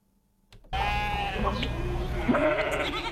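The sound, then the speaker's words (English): After a brief silence, merino sheep bleat loudly, several wavering, overlapping cries blending into a steady flock chorus with no one talking. “The merino is the Australian aristocrat, the best of his kind, the backbone of the wool industry.”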